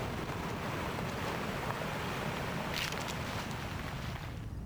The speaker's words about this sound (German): Eine plötzliche Böe. Blätter rascheln heftig. Lange Pause. Nur Wind.